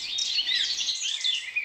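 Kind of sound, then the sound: bird, birdsong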